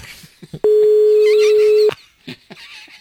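A single loud, steady mid-pitched telephone line tone holds for just over a second during a phone call made from a radio show, framed by short bursts of talking voices before and after it.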